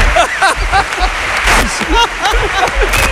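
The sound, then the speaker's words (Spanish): A crowd applauding steadily, dense clapping filling the whole stretch, with voices calling and chattering over it throughout. “Estaban aplaudiendo ahí yo y tú estabas aplaudiendo más que nadie.”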